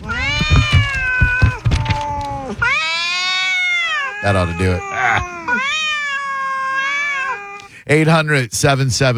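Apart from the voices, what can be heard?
cats meowing and yowling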